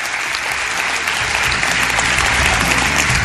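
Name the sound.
theater audience applause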